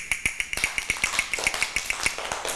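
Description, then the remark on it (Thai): Quick, evenly spaced clacks from a Thai wooden hand clapper (krap), about a dozen and a half sharp hits in a steady fast rhythm, fairly crisp, with no voices over them, used by a teacher as a fast-rhythm movement signal for children's morning exercise. “ก็จะให้เสียงสัญญาณการเคลื่อนไหวนะคะด้วยอุปกรณ์ชิ้นนี้อะไรเอ่ยกลับมือนั่นเองเด็กๆต้องฟังเสียงสัญญาณนะคะไม่ว่าจะเป็นสัญญาณจังหวะช้าสัญญาณจังหวะเร็ว”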